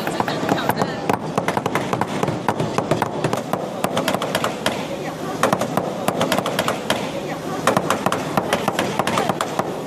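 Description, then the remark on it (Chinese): Rapid, irregular hammer blows tap a heated copper sheet on a mold, shaping the WorldSkills mascot Nengneng Qiaoqiao along its outline at a hands-on event, a steady stream of sharp, bright clinks that hardly pause for ten seconds, with faint voices murmuring underneath. “那接下来呢，我就要用这个加热的铜片放在这个模具上，然后用锤子沿着它的轮廓进行敲击。”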